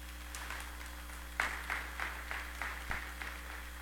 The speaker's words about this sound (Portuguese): E Nossa Senhora merece uma salva de palmas, né, gente?